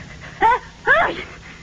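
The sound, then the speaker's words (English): A single loud, voiced sneeze at a restaurant dinner table by a drafty window, in two quick bursts, a short sharp intake followed by a stronger, falling 'choo', with no talking. “Bless you. What's the matter? You catching cold?”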